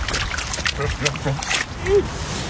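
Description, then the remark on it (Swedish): A child's blue rubber boots splash and slosh into a puddle during a walk in Umeå, in a series of uneven wet slaps, with a voice vocalizing briefly alongside the watery stomping. “På väg ner i en vattenpöl.”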